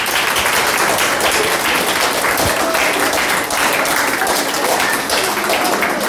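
Sustained audience applause fills the whole stretch, a dense, steady wash of many hands clapping at close range with no pauses.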